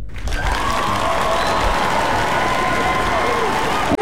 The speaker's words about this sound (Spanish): y aquí en Radio Disney, pues mira, este aplauso es una ovación de pie para ustedes.